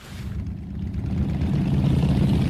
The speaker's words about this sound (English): On the edge of Pakistan's border with Iran, thousands of motorbikes are gathered together, kicking up dust in blistering heat.